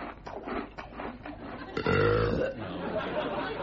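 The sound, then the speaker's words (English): A single loud, drawn-out belch rumbles for about half a second, rising out of a faint murmur of background chatter and low voices. “Or even some Doritos and a belch.”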